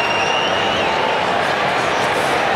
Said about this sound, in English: All clear. Goal to Fremantle. Margin back to 28. Crowd not happy.